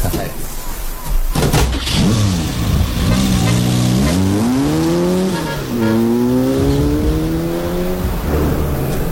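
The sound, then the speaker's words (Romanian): A car engine starts with a sharp burst, then revs up through rising and falling gear pitches as the vehicle pulls away, loud, with faint voices underneath. “M-am gândit că după plimbarea asta cu hidroavionul ne-ar seca o plimbare cu mașina și un prânz bun.”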